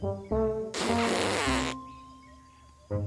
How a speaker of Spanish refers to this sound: Oye, ese no es el grito de un elefante. Es demasiado apagado. Tal vez tiene lodo en la trompa.